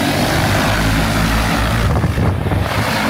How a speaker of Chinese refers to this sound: 在河南省新乡市嘉霍县泰山镇，多架无人机飞防作业在同步进行，小麦灌浆期最后一遍飞防作业即将完成。